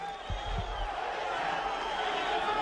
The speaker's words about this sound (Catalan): Continuen les esbroncades.